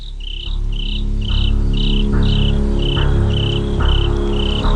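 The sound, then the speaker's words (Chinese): Crickets chirp steadily on a quiet hillside at night in short, evenly spaced pulses throughout, bright, over a constant low droning hum that fills the background of an otherwise still night scene. “夜晚的山坡静悄悄的，蟋蟀在无聊地叫着。”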